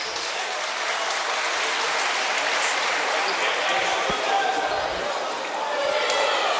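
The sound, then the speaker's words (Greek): A large basketball arena crowd applauds steadily as Harrell comes on in place of Sidiroilias at 49-32, a dense wash of clapping filling the space for several seconds, with occasional ball bounces and voices underneath. “Χειροκροτείται και αυτός.”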